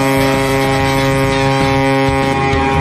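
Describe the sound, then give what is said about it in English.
A deep, loud ship foghorn blares in one continuous sustained blast, its rich droning tone holding steady for the full few seconds with no pauses and no voices. “So if are we parking a boat like through the fog?”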